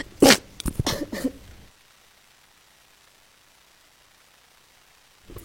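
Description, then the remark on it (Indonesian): A quick cluster of three or four harsh coughs, fairly loud, packed into about a second, then near silence with a faint noise at the very end. “Aduh, batuk ini malahan.”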